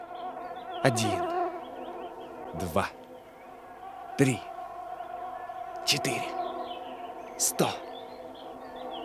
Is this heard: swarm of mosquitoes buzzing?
yes